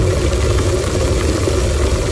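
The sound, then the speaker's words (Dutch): An electric kettle heating water, a steady, unbroken rumbling roar with a low churning bubble and a broad hiss above it, holding the same loudness throughout. “Een waterkoker. Het saaiste geluid van vorige week.”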